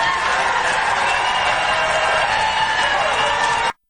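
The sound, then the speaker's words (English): People in the background of a speech clap and cheer in a steady, dense wash of applause with whoops mixed in, holding at an even loudness for about four seconds before cutting off abruptly. “Who are these people in the background clapping like lemmings?”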